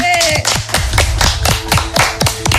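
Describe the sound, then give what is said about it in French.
Applause from a small crowd welcoming a guest representing the show J'ai la ref, with loud, sharp claps landing in a steady, fast rhythm for a few seconds, continuous, with a brief voice or whoop at the very start. “Veuillez applaudir”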